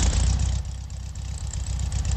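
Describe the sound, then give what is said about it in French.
A car engine idles with a steady low rumble, while a rapid, regular series of small ticking clicks runs through it. No one speaks. “Elle chante, vous entendez ce petit clic, clic, clic, clic, clic, clic, clic, clic, clic. Il n'y a pas d'autres voitures qui font ce bruit-là.”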